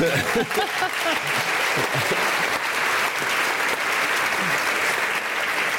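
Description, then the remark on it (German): An audience applauds steadily for several seconds, a dense, even wash of clapping that stays loud throughout, with a few faint voices and cheers mixed in near the start. “Und mit einem großen Applaus erwarte ich jetzt, dass Sie sagen, Marco hatte Unrecht, Sebastian Puschner hatte Recht.”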